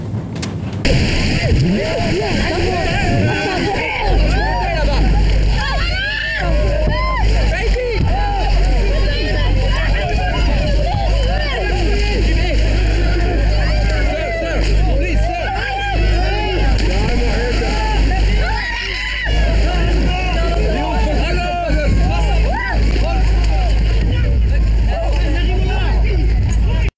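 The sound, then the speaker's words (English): A crowd of men shouts and calls over one another in a dense, agitated babble as they clamber over each other to board a small boat, while a boat engine drones steadily and loudly underneath throughout. “you've got hordes of men desperately clambering over each other to board these boats”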